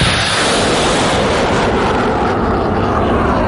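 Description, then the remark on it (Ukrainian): A loud, continuous roar of a HIMARS rocket launcher firing a rocket from its position in a field, a dense rushing blast that holds steady with no voices over it. “Від ракетного пострілу здригається навіть земля на полі, але «Хаймарс» не замовкає і шле ще одну в небокрай.”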